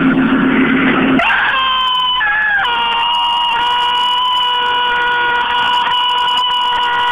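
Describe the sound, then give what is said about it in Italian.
A single loud, high-pitched scream held steadily for about six seconds, piercing, with a slight wavering in pitch, following a brief rough noise at the start; a person screaming during a mock exorcism. “Ecco, finalmente avete sentito questo urlo di demonio incredibile.”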